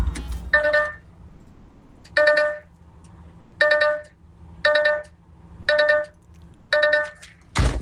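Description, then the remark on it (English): A DAF truck's electronic warning chime, emitted because the truck is in gear with the door open, sounds six times at a steady pace, about once a second, bright over a low idling rumble, ending with a sharp thunk. “So, that is the audible warning from a DAF truck. It emits when the truck is in gear and the door is open.”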